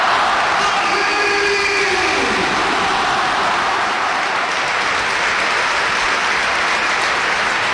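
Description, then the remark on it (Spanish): A huge crowd at the Bernabéu stadium cheers and applauds in a dense, sustained roar, loud and steady throughout, with faint whistles or horn-like tones briefly rising early on, as Dani Carvajal, emotional, walks through a guard of honour formed by Real Madrid and Athletic players. “Escuchamos al Bernabéu.”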